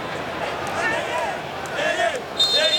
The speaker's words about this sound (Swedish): Det är Kongofans som hoppar och studsar och sjunger.